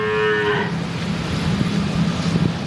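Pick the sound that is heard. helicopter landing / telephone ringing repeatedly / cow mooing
cow mooing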